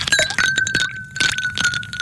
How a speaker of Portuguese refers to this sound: Conseguiu perceber o que era? Gelo dentro de um copo.